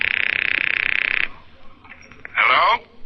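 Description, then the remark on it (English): A loud, shrill telephone bell trills rapidly for just over a second, then stops; faint scattered sounds follow before a short, bright burst near the end. “It's ringing, take it.”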